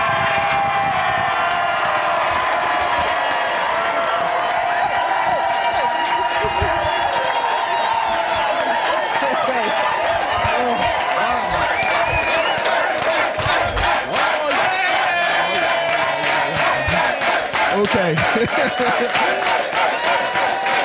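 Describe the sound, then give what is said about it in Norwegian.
A loud crowd cheers and shouts continuously in a restaurant in Bekkjervik, Austevoll, in the former Hordaland county, many voices blending into a roar, with rhythmic clapping joining in and growing steadier toward the end. “Ja, her jubles det hele tiden, selvfølgelig.”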